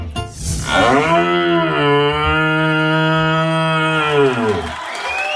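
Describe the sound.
A European champion in red deer calling from Solčava, Slovenia, imitates a young red deer stag's rutting call: one loud, deep, drawn-out bellow with a rich, buzzing tone, held steady for about four seconds before trailing off.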